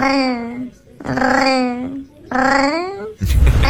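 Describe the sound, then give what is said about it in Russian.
A cat makes unusual, voice-like purring sounds: three long, tonal, wavering calls with slight pitch bends, separated by short pauses, ending in a brief rough, noisy burst. “Мне тут попался кот. Необычный очень кот, который мурлычет, как настоящий парижанин.”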